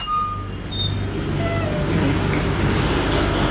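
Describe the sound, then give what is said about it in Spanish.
A steady, loud mechanical drone of the freezer compressor motors in a sample bank's freezer room fills the space, a constant low hum with faint whining tones above it and no pauses. “Y aquí, como escucharán, pues hay un ruido de los motores de los congeladores, doctor.”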